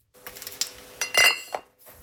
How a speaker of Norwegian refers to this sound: Det klirrer I flaskene på Kinn Bryggeri I Florø.